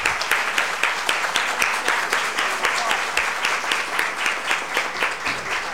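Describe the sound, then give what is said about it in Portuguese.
A crowd applauds steadily, many hands clapping in a dense, even patter with a few sharper individual claps standing out, sustained at a constant moderate level throughout, at the close of a session of the Pinhal legislative chamber honouring health workers. “Declaro encerrados os trabalhos dessa sessão e uma salva de palmas a todos vocês.”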